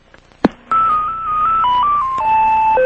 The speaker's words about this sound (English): If you have any questions, please leave your message after the tone. Thank you for calling.